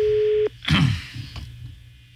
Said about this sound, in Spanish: Está sonando. Bájale poquito el teléfono. Está viciando. A ver. Sigue viciando, güey. Bájale. No, mira, estoy marcando. No contesta, güey.